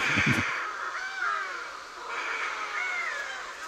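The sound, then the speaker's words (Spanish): A dense chorus of shearwater calls from a colony: harsh, wailing cries overlapping continuously, with a brief low rumble at the very start and no voices. “Yo no sé si es música o es una cháchara, pero en el sonido de estas aves están las historias del mar.”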